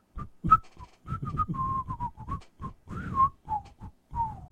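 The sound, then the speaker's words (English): A person whistles a short, lilting melody of clear, bright notes, some sliding between pitches, with brief pauses between phrases, moderately loud, no talking. “Monsieur Tortue, the little tortoise, well, he whistled a beautiful melody”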